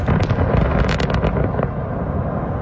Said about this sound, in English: sent me videos showing explosions used to create open pit mines right beside Russian villages.